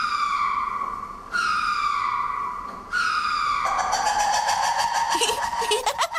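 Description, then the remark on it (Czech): Ring-tailed lemur from a zoo, a species native to Madagascar, calls: three long, steady, nasal wails that give way to a rapid, pulsing chatter, rising in pitch at the end. The calls are loud and clear, with no talking. “Má krásný pruhovaný ocas a mluví, nebo spíš pokřikuje, takhle.”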